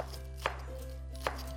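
Two sharp knife chops on a cutting board while curly lettuce is being cut, spaced about a second apart, crisp over a steady low hum, with no talking.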